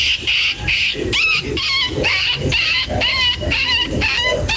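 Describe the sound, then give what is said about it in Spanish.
A person imitates a Rottweiler, letting out a run of whiny whimpers mixed with short yelping barks, loud, in a steady rhythmic series with no other talk. “Oye, el Rottweiler le salió igualito.”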